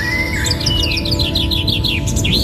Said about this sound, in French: Donc là vous avez tout loisir pour observer, écouter. Donc le chant des oiseaux.